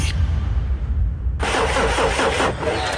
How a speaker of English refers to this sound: Ah, your car won't start. Looks like it's pulled a sickie.